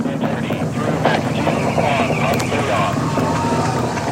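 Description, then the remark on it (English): A steady, loud roar of SLS rocket engines about one minute into flight, traveling faster than the speed of sound as it approaches max Q, rumbles without pause, broad and rushing like heavy wind, with a faint, indistinct voice partly buried beneath the continuous noise. “now about 1 minute in flight, the SLS rocket traveling faster than the speed of sound.”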